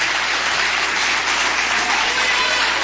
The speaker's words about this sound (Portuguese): Uma salva de palmas para glorificar e exaltar o Cristo Jesus.